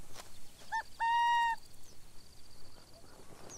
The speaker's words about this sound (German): Vorsichtig schauen die Jungen aus ihrer Höhle in die ihnen noch fremde Welt. Kaninchen-Eulen brüten als einzige Eulenart unter der Erde. Auf jedes Geräusch wird argwöhnisch reagiert. Sie warten auf ihre Mutter, die auch tagsüber auf die Jagd geht.